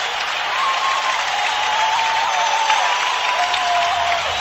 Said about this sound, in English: and it's going to be a goal. Red Wings have tied it. Listen to this crowd.